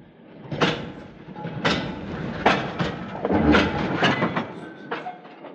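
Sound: train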